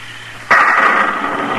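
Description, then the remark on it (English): A sudden loud crack of thunder bursts in after a quiet moment, then rolls on as a rough, sustained rumble without fading much. No one speaks. “What's that? Thunder”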